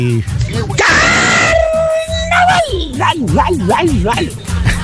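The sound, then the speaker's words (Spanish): A voice mimics a singer's high-pitched shriek: a sudden loud, piercing cry held for a couple of seconds before sliding downward, then people talk over a music bed. “El mismo gritito que se mandó nuestro pariente.”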